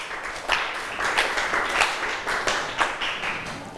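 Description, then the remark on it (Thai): A group of students in a class applauds group 5 after their presentation, many overlapping claps forming a dense, steady patter of moderate loudness that lasts about four seconds with no voices over it. “ค่ะขอบคุณกลุ่มที่5ปรบมือให้เพื่อนหน่อยค่ะ”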